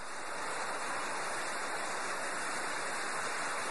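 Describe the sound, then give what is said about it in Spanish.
A heavy downpour mixed with hail pours down in a dense, unbroken roar of hiss, steady in loudness throughout, with no voices. “¡Qué aguacero tan fuerte! Nunca había visto un aguacero tan duro.”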